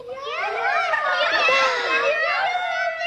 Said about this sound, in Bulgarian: Ето момиченцата, с които ти си играеш във вашия двор. Те те викат и ти показват едно захарно сърце.